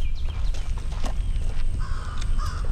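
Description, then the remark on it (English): A crow flying by in Houston gives two short, harsh caws near the end over a steady low outdoor rumble with faint scattered bird chirps. “I guess one thing we can talk about is this bird has flown by and made itself known.”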